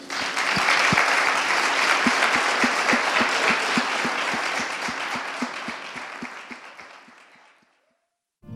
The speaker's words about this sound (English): Let's give our scholar poets one final round of applause.